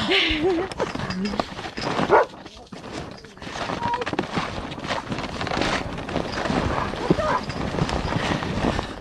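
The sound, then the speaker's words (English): Steady crunching of snowshoe footsteps pressing through fresh, light, fluffy snow with no trail, with a brief pause early on, under a constant rush of wind against the microphone. “Some of them are trying to ride my snowshoe here.”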